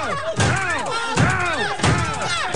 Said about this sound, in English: Like all of Wayne's movies, this one is filled with dumb jokes and silly visual gags, like when Hamm's Mad Men co-star John Slattery's foot keeps getting slammed in a door.